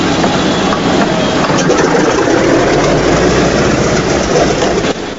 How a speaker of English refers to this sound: The B-17's propellers begin to spin into action, sending out a trail of grey smoke.